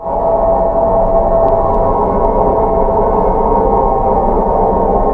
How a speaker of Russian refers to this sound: Хрипящий Сатурн. Ревущий Юпитер.